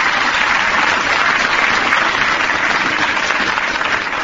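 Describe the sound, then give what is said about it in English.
Steady, dense applause from an audience for Miff, a dog that plays jazz trombone, fills the whole stretch, a loud continuous wash of many hands clapping with no voices heard over it. “Let's have a little applause here for Miff.”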